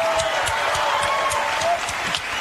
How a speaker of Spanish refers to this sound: fuerte ese aplauso para él.